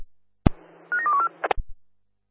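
A quick run of four or five short telephone dialing tones at slightly different pitches, set between sharp clicks over a low steady line hum, with no voices, as a base operator tries again to call a non-responding platform at Leaderville.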